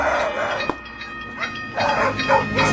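Dogs bark in several loud bursts, with a short pause between the early and later barks, over a steady rumbling hum in the background.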